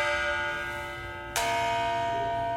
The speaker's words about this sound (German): Tatsächlich besitzt die Glocke aber physikalisch mehrere Töne, die unser Gehör in Summe zu einem verarbeitet. Das heißt, wenn ich die Glocke an verschiedenen Stellen anschlage, kann ich auch verschiedene dieser Töne hörbar machen.